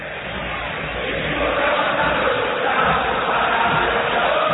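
A huge red-and-white crowd roars and shouts at the Monumental stadium in a dense, continuous wall of noise, swelling slightly louder after the first second and holding steady, with no single voice standing out.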